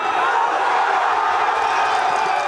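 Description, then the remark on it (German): Tens of thousands of football fans in central Madrid roar at the final whistle as Spain wins the World Cup final against Argentina, a dense, loud and steady wall of cheering and shouting that holds without a break for the whole moment. “So klingt es, wenn Spanien Weltmeister wird.”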